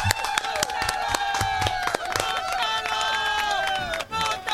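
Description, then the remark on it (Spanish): A burst of applause with many hands clapping in quick, dense succession, mixed with cheering voices from a crowd, fairly loud and continuous throughout. “¡Ah! ¡Ahí está! ¡Aplauso, please!”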